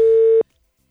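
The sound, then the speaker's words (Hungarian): A single steady telephone tone sounds loudly for under half a second while a long-distance call to a non-Hungarian number is being dialed, then cuts off abruptly into silence, with no voices. “Interurbán telefonálunk most.”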